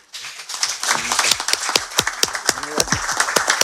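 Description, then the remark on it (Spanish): A room full of people claps steadily for several seconds, a dense patter of crisp hand claps with a few voices calling out faintly beneath. “Le aplaudo a mi padre.”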